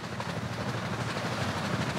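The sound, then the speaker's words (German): Human-made underwater noise in the sea: a dense, unbroken mechanical roar with a deep throbbing rumble and a broad hiss over it, holding steady and fairly loud for the whole stretch, with no voices. “Und so hört es sich aber unter Wasser oft an. Der Lärm in den Meeren hat sich seit 150 Jahren stetig erhöht.”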